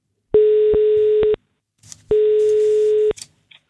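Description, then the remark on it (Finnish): Two long, steady electronic telephone ringback tones, each about a second, separated by a pause filled with faint line noise and rustling, heard clear with no one speaking, as Radio 957 places an outgoing call to a listener. “Nyt on aika soittaa yhdelle, joka tämän 30€ arvoisen lahjakortin itselleen saa.”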